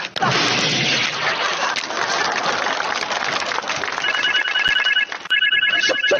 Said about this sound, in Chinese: 小贾，你们经理电话，你们经理的电话